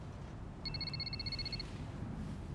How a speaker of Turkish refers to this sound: Telefon için özür dilerim.